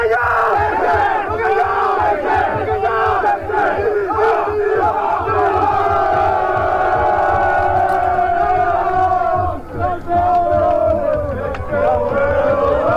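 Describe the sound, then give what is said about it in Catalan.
The Atlètic Barceloneta water polo team shouts its war cry 'bacallà sec-sec' together in Malta at the final whistle of their Champions League win, the chant rising and holding steady in rhythmic bursts before a brief dip and a final surge of yelling. “Amb el xiulet final es va desfermar la bogeria i a Malta va sonar el crit de guerra, bacallà sec-sec.”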